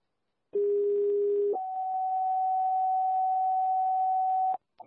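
A Parkman Fire Department pager alert for a cancellation page of a rescue call on Mumford Road: a steady low tone for about a second, then a higher tone held for roughly three seconds, loud and clear with no voices.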